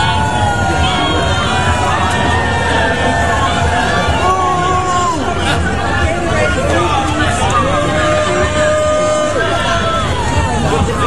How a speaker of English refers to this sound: I mean, if you are a senator from New York, you're the leader of the Democrat Party, and you are getting booed at the Pride Parade, that does not bode well.